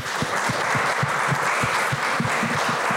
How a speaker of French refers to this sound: Allez-y, applaudissez, hein, vous pouvez.